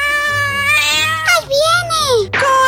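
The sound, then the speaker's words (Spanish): A cat meows loudly: a long, drawn-out call, then a short rising and falling cry that trails off, followed by the start of another meow. “¿Quién le pondrá el cascabel al gato?”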